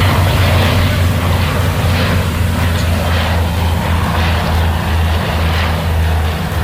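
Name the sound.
firefighting aircraft engines approaching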